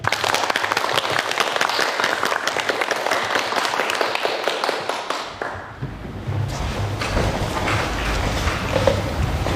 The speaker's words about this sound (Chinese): 大家掌声欢迎。